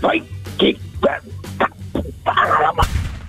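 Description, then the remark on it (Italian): A human voice imitates a dog barking as Porco Cane, the talking dog character on the radio show Lo Zoo di 105: several short sharp yelps in quick succession, loud, ending in a louder final burst. “Vai Porco Cane, fai bau bau.”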